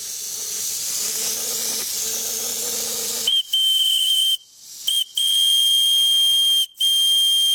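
A steam engine gives off a loud, steady hiss with a low droning undertone, then a shrill, high-pitched steam whistle takes over, cutting out briefly three or four times before sounding again.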